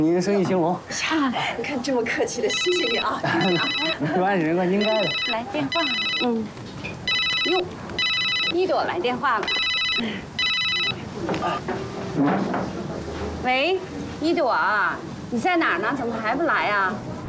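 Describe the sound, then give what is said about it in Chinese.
A telephone rings with bright, repeated electronic bursts in pairs, sounding several times over voices talking nearby, then stopping as the conversation continues. “来电话了。 哟，一朵来电话了。”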